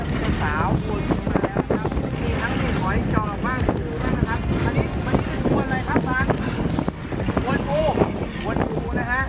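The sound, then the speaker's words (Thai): Strong monsoon wind and choppy waves roar around a fishing boat out at sea to retrieve nets, a steady loud rush with gusts buffeting the microphone, while a man talks throughout. “คือคลื่นลมเนี่ยมันหนักมากนะครับ3-4 วันที่แล้วเนี่ยออกเรือไม่ได้ก็เลยวันนี้คิดว่าน่าจะเบานะเลยออกมานะครับแต่ก็ยังเจออยู่ดีนะฮะ”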